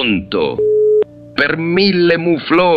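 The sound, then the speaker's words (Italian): A short, steady electronic telephone busy tone after a call drops, about half a second long, ends with a click between stretches of animated speech; moderately loud. “È caduta la linea.”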